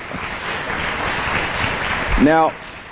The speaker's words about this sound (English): That's wonderful to hear. You can applaud for that.